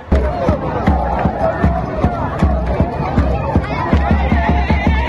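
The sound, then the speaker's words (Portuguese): A loud, dense crowd of Congo football fans celebrates in Kinshasa during the World Cup after Congo drew with Portugal in its opening match, voices cheering and shouting together over a steady run of heavy, rhythmic thumps like drumbeats that continue throughout. “Essa alegria toda é da torcida do Congo, que empatou na estreia com Portugal.”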